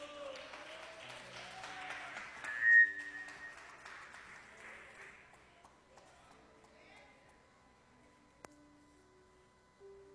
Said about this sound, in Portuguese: As palmas são bem alegres para Jesus.